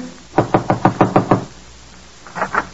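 A quick series of seven firm knocks on a door marked manager at the Tripoli Cafe, evenly spaced, then a short pause before three more knocks follow. Fairly loud, with no voices.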